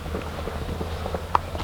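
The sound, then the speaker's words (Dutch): Footsteps walking at an unhurried pace outdoors, leaving a paved road toward a small church, a series of soft steps over a steady low wind rumble, with no one speaking. “Lopen wij hier van een verharde weg af naar een kerkje.”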